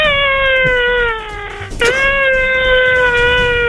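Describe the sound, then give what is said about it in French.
A person's voice imitates an elephant trumpeting: one long, loud, brassy high-pitched wail that sags slightly in pitch, cracks briefly midway, then carries on steadily to the end. “il paraît que vous savez imiter l'éléphant.”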